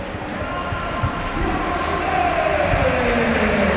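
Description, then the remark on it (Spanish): A big stadium crowd chants "árbitro a la nevera" (referee to the fridge) in unison at the referee, a loud, steady roar of many voices with rising sung tones that swell slightly toward the end. “Estoy dejando el ambiente para ver si escuchamos lo que gritan.”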